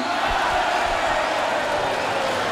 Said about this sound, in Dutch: Groot applaus voor Boer Benny.